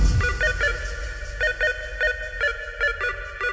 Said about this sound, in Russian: телефон!